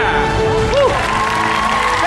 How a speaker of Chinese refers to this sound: 唐山的朋友们，您掌声在哪里？